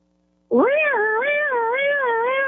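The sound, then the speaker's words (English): A voice imitates a basic European police siren with a loud, sustained wail whose pitch rises and falls in slow waves for about two seconds after a brief silence. “Okay, what about just a basic police siren? Can you do that?”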